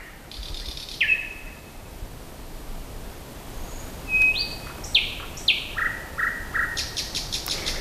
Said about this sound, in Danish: Jo, Nattergalen. Jeg har selv lavet den her optagelse, og den kostede mig en del myggestik, og jeg var også nær faldet i en å, da jeg famlede rundt der i mørket rundt om Søndersø.